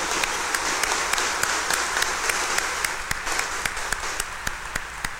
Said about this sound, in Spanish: A las mamás que nos acompañan, démosle un fuerte aplauso de bienvenida y felicitación.